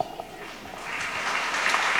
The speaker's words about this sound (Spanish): Bueno, vamos a dar un aplauso